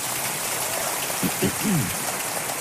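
An audience claps in a steady, dense patter of applause that holds evenly throughout, while a voice briefly speaks over it near the middle.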